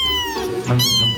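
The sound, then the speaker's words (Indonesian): A cat meows loudly, a drawn-out, wavering cry about a second long with rich harmonics, rising then falling in pitch, with no talking. “Mereka bisa menghasilkan hingga 100 jenis suara yang berbeda. Mulai dari mengeong, mendengkur, chirping, trill, hingga suara-suara unik lainnya.”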